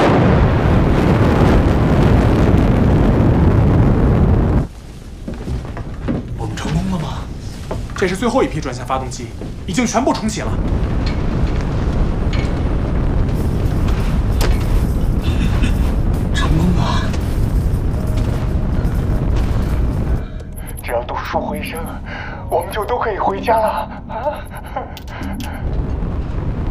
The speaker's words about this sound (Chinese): 这是最后一批转向发动机，已经全部重启了。